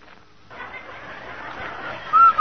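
A steady hiss fills the background, then two short, bright whistle notes ring out at a single high pitch, loud and clear, the second quickly after the first: the Rinso whistle signal opening a Sunday 1950 radio broadcast sponsored by Rinso.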